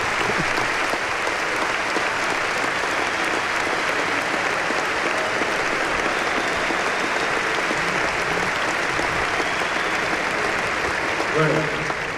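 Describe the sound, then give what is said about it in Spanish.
A large crowd claps steadily and loudly for about twelve seconds for a club's technical staff, a dense, continuous wash of hands with no break, swelling slightly near the end. “Y nada es por casualidad, creo que se merece un gran aplauso.”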